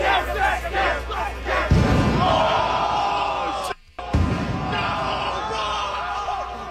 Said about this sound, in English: Kind of sound like cherry bombs or M80s.